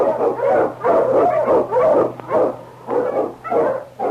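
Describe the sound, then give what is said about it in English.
An Eskimo sled dog, the lead dog King of Challenge of the Yukon, barks loudly in a steady run of about eight sharp, harmonic barks in quick succession with a low hum underneath and no talking. “The Wonder Dog King, swiftest and strongest of Eskimo lead dogs, blazes a trail through storm and snow for Sergeant Preston as he meets the Challenge of the Yukon.”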